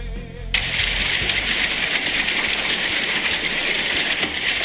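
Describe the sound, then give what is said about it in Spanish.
Hail pelts down steadily in a dense, continuous clatter of countless small hard impacts, loud, starting abruptly after a brief moment of quieter sound, with no voices. “Me encanta el sonido del granizo.”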